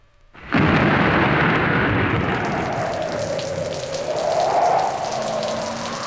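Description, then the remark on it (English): Heavy rain suddenly starts pounding on a car windshield while driving east on Interstate 80 on a stormy night, a loud, dense, steady downpour with a low engine-like hum droning underneath and no voices. “You're driving east, and the rain is coming down heavy on the windshield.”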